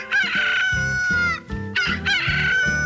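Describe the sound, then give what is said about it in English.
A rooster crows loudly, two long cock-a-doodle-doo calls back to back, bright and strained, with no talking over them. It is used as the 'We Are Open' signal of a bait shop that opens at dawn. “That there is our We Are Open sign. Early Bird Bait Shop opens at the crack of dawn to serve the real fisherman.”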